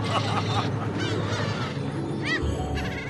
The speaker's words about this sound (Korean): 좋은 건 나눠 먹어야 더 맛있는 법. 덕분에 갈매기도 포식합니다.